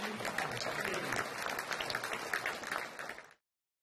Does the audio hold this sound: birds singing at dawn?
no